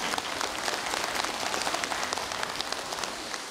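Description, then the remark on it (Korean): An audience at a Buddhist temple association gathering applauds the Buddhist monks, a dense, continuous patter of many hands clapping at once, sustained at an even level for a few seconds with no voices over it. “우리 스님들께 큰 박수 한번 부탁드리겠습니다.”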